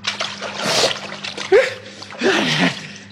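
Loud splashing of someone plunging into a cauldron of boiling water, in two or three noisy surges over a few seconds, with short vocal exclamations mixed in.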